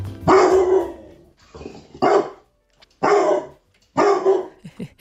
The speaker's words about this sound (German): Criso ist total verschmust und kinderlieb. Das haben uns die beiden Besitzer Martin Kühnel und Petra Fritz aus Reiskirchen geschrieben. Und ordentlich bellen kann Criso auch.